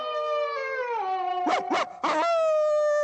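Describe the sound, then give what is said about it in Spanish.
A terrier calls out in a long, steady howl that dips in pitch, broken midway by three quick, sharp yips. It is fairly loud, with no talking. “El galgo afgano escucha la llamada del terrier y sale a la ventana.”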